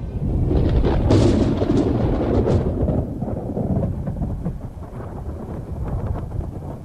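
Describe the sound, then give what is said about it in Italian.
A loud crack of thunder breaks early on, then rolls into a long, deep rumble over steady storm noise and possible rain, with no one speaking; the opening storm with lightning in a film about the young Martin Luther. “Il film inizia quando, fra lampi e fulmini, il giovane Martin Lutero inciampa nel fango, rappresentazione questa esplicita dell'imperfezione della vita terrena.”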